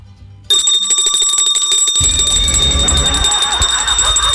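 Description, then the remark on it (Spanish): A loud electric alarm bell, set off when someone tries to open one, starts abruptly and rings continuously with a rapid metallic clatter, piercing, with some low rumbling noise joining partway through. “Es que nos puso una alarma. Uno trata de abrir una. Mira, voy a estar. Y suena una campana.”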